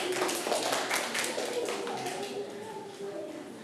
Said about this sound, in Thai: เด็กๆปรบมือให้เพื่อนด้วยลูก